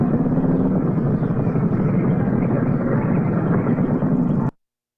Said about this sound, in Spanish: van en sus motos, porque son agentes de tránsito los dos, y van por una carretera, un camino, y van cantando, ahí montando su moto.